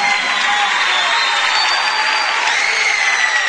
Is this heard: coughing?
no